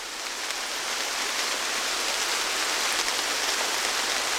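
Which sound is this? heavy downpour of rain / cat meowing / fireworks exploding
heavy downpour of rain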